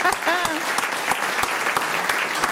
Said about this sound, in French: On peut vous applaudir, c'est vrai. Je vous ai coupé les applaudissements.